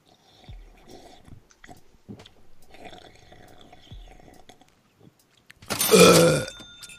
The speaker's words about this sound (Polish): I jeszcze byknęła. O, ale nieładnie.